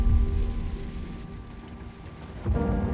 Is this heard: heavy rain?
yes